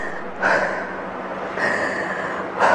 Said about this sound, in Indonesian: Tapi kalau, ya, ada orang juga bilang, gimana kalau tarik nafas saja langsung? Jadi lagi sedih kita tarik nafas.